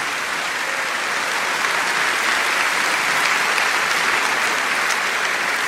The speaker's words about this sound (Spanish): Un aplauso grande a Él, un aplauso al Señor, porque Él está aquí.